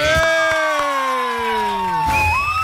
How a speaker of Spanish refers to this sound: Atentos porque Estados Unidos mandará a sus mejores agentes del FBI a combatir a los extorsionadores y sicarios en el Perú. Un aplauso para los gringos que vienen.